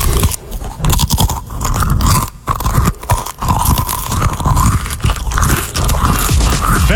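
Close-up, loud munching of crunchy cheese crackers, with repeated crisp bites and steady chewing over several seconds and no talking.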